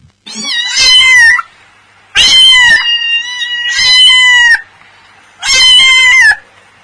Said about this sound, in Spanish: Tengo bigotes muy largos. Ronroneo al descansar. Persigo pequeños ratones. ¿Quién soy? ¡El gato! ¡Muy bien! ¿Sabían que los gatos pueden ver muy bien cuando hay poca luz?